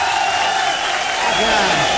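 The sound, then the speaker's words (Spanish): A crowd at a norteño music show claps and cheers steadily for the full two seconds to welcome a singer to the stage, a dense wash of applause with scattered voices and a shout rising above it. “Vamos a recibir con un aplauso, pero bien machina”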